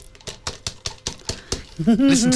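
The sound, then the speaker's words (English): The lid of a small crystal pet-treat jar, reading "I love my pet, all dogs, no raw hide", is tapped and clinked about seven times in a quick, steady series of sharp, bright knocks to show the quality of the crystal, followed by a person starting to speak. “Listen to the quality of the crystal.”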